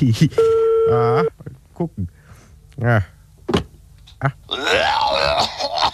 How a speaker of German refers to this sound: Bringst mir jetzt zum Telefon, ich will mal bei … anrufen